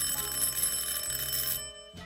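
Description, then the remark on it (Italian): A front-door doorbell rings at 10:15 in one long, firm, continuous buzz of bright metallic tone for about a second and a half, then cuts off, followed by a brief faint tap. “Sono le 10:15 e di colpo suona il campanello della porta. Un suono lungo e deciso.”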